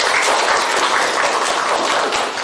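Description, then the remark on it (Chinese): A group of people in a class applauds steadily to welcome a student group's demonstration, a dense crackle of many hands clapping at once that holds even and loud throughout before easing slightly at the end. “那现在呢，老师呢随机抽一组的同学，让我们掌声欢迎梦想组来进行展示，大家掌声欢迎。”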